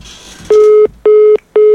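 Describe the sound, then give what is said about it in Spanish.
A phone line's busy tone after a cut-off call: three loud, steady electronic beeps of equal length, evenly spaced with short silent gaps, clear with no voices. “Le cortaron el teléfono.”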